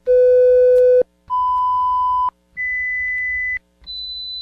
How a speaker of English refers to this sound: Did you hear all four tones? Yes, there were four. If you didn't, perhaps it's time to have your hearing checked.